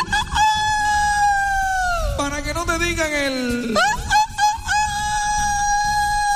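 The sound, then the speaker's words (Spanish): A rooster crows loudly, one long drawn-out cock-a-doodle-doo with a bending, wavering pitch that fills several seconds, heard alone without talking. “Para que no te digan el gallo.”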